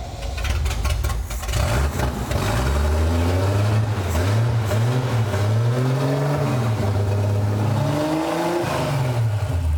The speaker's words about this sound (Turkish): Karbüratörler çalışıyor. Çok güzel çalışıyorlar. Bak ne kadar güzel rölantide bekliyor.